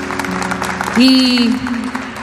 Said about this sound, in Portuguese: Queria que vocês aplaudissem eles, a minha banda, bendito seja Deus.